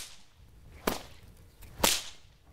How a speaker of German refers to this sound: Wenn die Peitsche hinten ist, müsst ihr sie schnell nach vorne schwingen. So entsteht das Knallen. Die Kinder hatten bereits 3 Wochen Zeit, um die Bewegung zu trainieren. Beim Peitschenknallen kann man sich nämlich auch sehr wehtun.